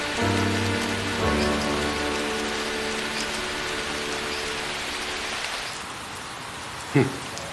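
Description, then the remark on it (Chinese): Steady rain patters continuously on a hard surface, a dense hiss of drops filling the whole clip, with a low droning tone underneath at first and a brief thud near the end. “下雨了，队长死不了了。”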